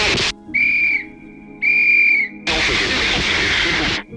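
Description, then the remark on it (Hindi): Two steady, shrill warning whistle blasts, each lasting under a second with a short gap between, followed by a loud, sustained hissing rush of noise; whistling used by local people to alert others of a glacial flood. “जदीद मवासलाती लाइनों के अचानक कट जाने की सूरत में मकामी लोगों को चीखने, सीटी बजाने या पहाड़ी ढलवानों पर नस्ब आवाज़ के निज़ाम जैसे मुतबादिल तरीक़ों का इस्तेमाल करते हुए आसपास के और ऊंचे इलाकों के लोगों को बाखबर करना चाहिए।”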